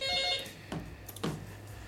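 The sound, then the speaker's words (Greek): A telephone rings briefly with a bright electronic tone as an incoming listener call is taken for a prize draw. Two short bursts follow as the line seems to connect. Moderately loud, with no one talking. “Ένα τηλέφωνο για να κάνουμε την κλήρωση.”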